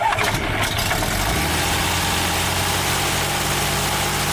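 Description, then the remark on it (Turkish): The engine of a small plane flown by its businessman owner, an amateur pilot, on his flight to his home village of Çakırkaya in the Şiran district of Gümüşhane, Turkey, cranks and catches, then settles into a loud, steady mid-pitched drone with a rough vibrating hum and no voices. “İş insanı Orhan Ünsal, Gümüşhane'deki köyüne kendi kullandığı uçakla indi.”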